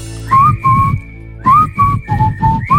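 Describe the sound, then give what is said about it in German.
A person whistles a bright, catchy pop melody in short phrased notes, clear, with a steady rhythmic beat underneath and no talking. “Musste ich jetzt mal ausprobieren, die Pfeiferei.”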